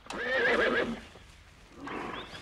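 horse neighing

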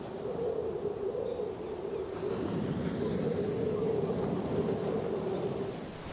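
storm wind and waves

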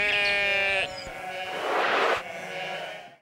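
sheep bleating

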